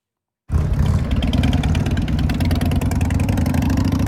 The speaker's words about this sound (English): stopped by this year's block party during a freestyle motorcycle stunt show